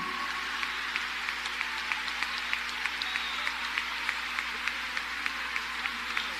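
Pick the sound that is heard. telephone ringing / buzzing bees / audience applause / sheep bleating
audience applause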